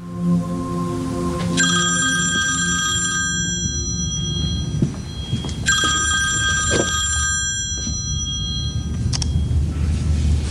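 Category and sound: signal or alarm, telephone ringing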